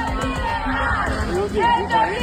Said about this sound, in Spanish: Varios de ellos zarandeaban las vallas instaladas en la zona al grito de "esto es ilegal", mientras los operarios continuaban los trabajos.